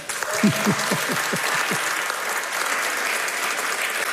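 A concert audience at Harkin Hall applauds steadily as a band is introduced, with a dense, even patter of clapping. Some brief voices or whoops rise over it at the start before the clapping carries on alone.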